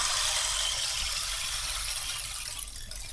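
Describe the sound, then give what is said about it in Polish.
A stream-sound percussion instrument is shaken: a steady, rushing wash of trickling, water-like noise, dense and continuous, fairly loud, easing slightly near the end; no voices. “To jest strumyk.”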